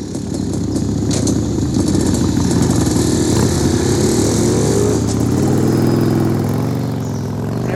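Loud motorcycle engines rev and roar, their pitch rising as they pull off, with the sound thinning slightly toward the end as the bikes move away.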